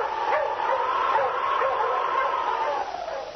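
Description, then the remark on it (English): A dog barks and yips repeatedly over a steady, continuous background noise, the calls loud, with a thin, old-recording tone throughout. The dog is King, Sergeant Preston's wonder dog, in the Yukon during the Klondike gold rush. “Now back to the days of the gold rush, when Sergeant Preston and his wonder dog King battled through storm and snow to preserve law and order as they met the Challenge of the Yukon.”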